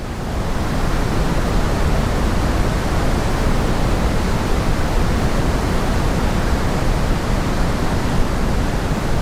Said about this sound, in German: Pink Noise oder eben rosa Rauschen klingt so.